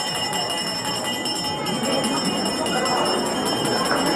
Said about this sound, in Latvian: Pēc brīža arī atskan pirmais zvans, un visi dodas uz skolu.